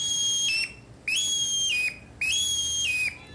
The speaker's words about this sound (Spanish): Así suena un grébol común macho en el bosque.